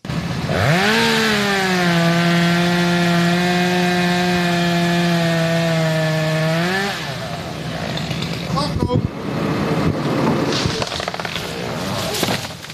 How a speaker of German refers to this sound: Kettensägen wird man in den kommenden Monaten noch oft im Stadtwald von Hörkranzhausen hören.